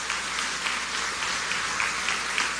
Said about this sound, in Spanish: especial su familia, a quienes quiero que le demos un aplauso de agradecimiento por todo su apoyo.